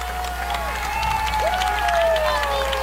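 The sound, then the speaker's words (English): A large stadium crowd of Lynx fans at a football game in Brandon roars and cheers continuously, rising back to their feet, a dense wash of voices with scattered shouts and whistles, steady and loud; a light breeze, sun going down, chilly air. “Lynx crowd roaring back up to their feet.”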